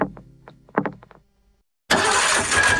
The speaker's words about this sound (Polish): Silnik mówi, coś mi nie pasuje. Nie zgaduj, sprawdź.